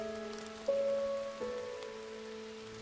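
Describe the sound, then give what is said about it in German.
Soft, steady rain patters onto a man-made forest pond in the Reinhardswald on a rainy day, a quiet continuous hiss of drops on water, with sustained musical tones swelling gently beneath it. “Ein Regentag an einem Waldsee.”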